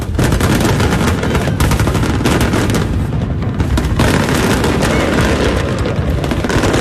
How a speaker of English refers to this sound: The night capped off with a spectacular fireworks display.